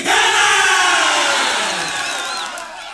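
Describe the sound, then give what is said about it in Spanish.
A large crowd roars together in a sustained goal cheer, loud and dense throughout, slowly easing off toward the end with a few whistles rising above the din. “No es lo mismo gritar un gol solo que gritarlo en equipo.”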